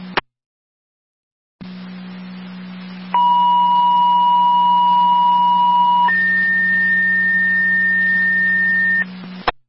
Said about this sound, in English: Repeating, Wilson. Additional tones, EMT and or driver to your station for the EMS call with South Wilson on Willow Road.